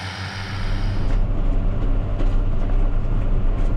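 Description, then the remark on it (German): A tractor engine drones steadily while mowing grass in a meadow: a deep low rumble with a constant mechanical hum, loud and continuous with no voices. “Und ich habe dann heute auch mal die Gelegenheit, selber Trecker zu fahren und kann meinen Gedanken ein bisschen nachhängen und genieße das heute hier in der Wiese Gras zu mähen.”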